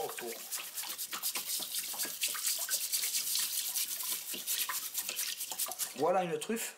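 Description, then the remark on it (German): Steady bristly scrubbing rasps repeat rapidly as a truffle collector uses a brush to scrub soil and dirt off the skin of a truffle under running water in Blaye, a wet brushing texture throughout, and a voice starts speaking briefly at the very end. “Ich schrubbe damit die Erde, den Dreck von der Haut.”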